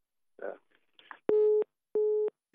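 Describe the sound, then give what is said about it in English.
A telephone busy tone after a caller's call drops on a radio phone-in line: two loud, steady beeps separated by a short gap, preceded by a couple of brief, muffled voice fragments. “If you're trying and it's not going through, you can send messages or you can call the WhatsApp number.”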